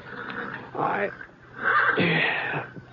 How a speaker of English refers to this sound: It was getting on toward dawn when I... one of the horses down the corral was sure upset about something.